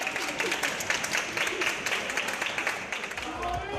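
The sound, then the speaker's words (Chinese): A crowd of passengers' families welcoming returning relatives, hugging and cheering, applauds steadily with dense, continuous clapping, mixed with excited voices and cheering throughout, fairly loud. “现场大批乘客家属热情迎接亲人归来，拥抱欢呼。”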